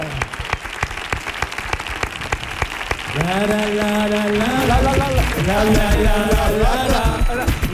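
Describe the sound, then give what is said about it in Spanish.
A crowd applauds steadily with dense, crackling claps throughout, and partway through a voice rises above the applause, talking loudly over the continuing clapping. “Fuerte el aplauso”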